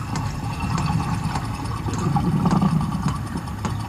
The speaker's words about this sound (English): And this is the humpback purring.